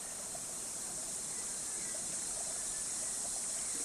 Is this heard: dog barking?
no